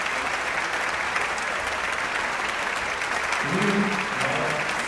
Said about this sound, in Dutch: Hartelijk applaus voor Kate Moore